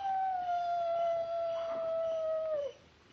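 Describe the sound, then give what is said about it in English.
A single coyote howls in one long, sustained wavering note that slowly falls in pitch before breaking off abruptly, followed by quiet. “That's just a coyote.”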